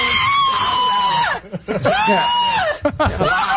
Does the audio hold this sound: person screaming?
yes